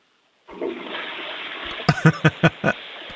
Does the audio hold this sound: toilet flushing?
yes